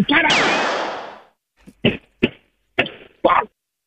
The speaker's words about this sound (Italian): C'ho la merda sotto le scarpe! Porco! Guardi, facciamo in questa maniera, provi a togliersi le scarpe e a batterle molto forte suola contro suola.